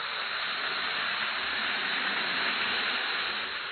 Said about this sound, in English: Drop one or two Alka-Seltzer tablets into a glass of water, like this. Listen to its fizz.